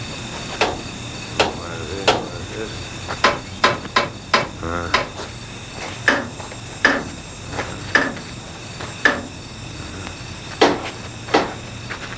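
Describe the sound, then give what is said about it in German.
A special hammer carefully taps each metal wheel and bolt of an old locomotive to inspect it at dusk, again and again at an uneven, unhurried pace, each sharp strike ringing briefly, with steady hiss and a faint background hum. “nahm einen besonderen Hammer heraus und beklopfte vorsichtig und schweigend jedes Rad und jede Schraube an der alten Emma”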